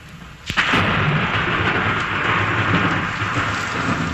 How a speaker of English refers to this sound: The sound of thunder.